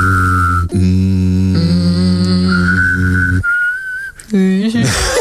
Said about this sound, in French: Vous allez comprendre, écoutez. Toi, tu sais faire un truc spectaculaire? Harmoniser ton hum et un sifflement. Impossible.